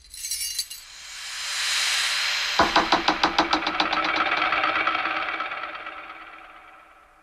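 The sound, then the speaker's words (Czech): A sharp metallic impact followed by a quick run of rattling clinks as thrown keys strike a door lock, the smallest key landing right in the lock, heard over a steady background hiss with no voices. “Buď jsem se tu už bez tebe zbláznil, anebo jsem se trefil tím nejmenším klíčkem rovnou do zámku.”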